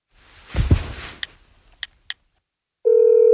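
A soft rustle of handling, then three short, sharp keypad beeps spaced apart as a phone number is dialed, followed by a steady, loud electronic ringing tone on the line. No one speaks.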